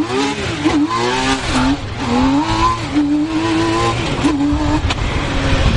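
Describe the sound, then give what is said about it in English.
A T-Rex three-wheeled roadster's engine revs while driving on the outskirts of Montreal, Quebec, Canada, its harmonic whine rising and dipping through several gear changes, loud and continuous with a rough, throaty undertone and no voices. “Canada has a separate category for three-wheelers. And driving T-Rex, that category could be called impractical, but it's just, oh, so cool.”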